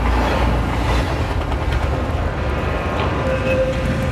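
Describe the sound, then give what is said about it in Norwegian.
A train carrying a group of young travellers through Central Europe to Belgrade rumbles steadily along the rails, a loud, continuous low roar with faint rattling and a brief thin squeal near the end, with no voices. “Etter flere timer I Sentraleuropa kom de til siste holdeplass for togturen og nest siste stopp for reisen.”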